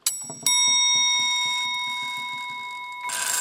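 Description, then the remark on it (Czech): A small hammer strikes the bell of an old, no longer working clock by Prague clockmaker Sebastian Landenšperger in Velké Meziříčí, giving a sharp metallic clang whose bright ring sustains and slowly fades over a few seconds, with faint low rumbling underneath and a noisy burst at the end. “Je tady kladívko, tak zkusíme cinknout.”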